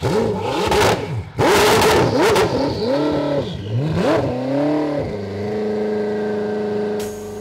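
A powerful Koenigsegg supercar engine, from the Swedish luxury make, revs hard in loud, rising bursts, pitch sweeping up and dropping between gear changes, then settles into a steady high-pitched drone as the car accelerates away.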